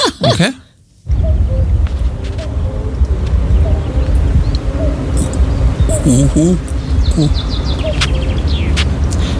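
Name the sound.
common cuckoo calling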